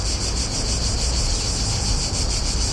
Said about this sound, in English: The recording of the sound of cicadas comes from the Book of Bratislava, published by Coma Press. You can find it there under a QR code. It was recorded by the author Eva Vozárová.